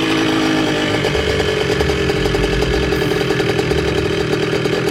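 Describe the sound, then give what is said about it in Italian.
A loud motor scooter engine revs steadily with a buzzing, raspy drone and rising pitch throughout, no voices present. It is a high-displacement scooter doing a wheelie along a tree-lined avenue leading to a ruined villa, with five riders aboard. “Un motorino di grossa cilindrata percorre impennando un viale alberato che conduce a una sinistra villa diroccata.”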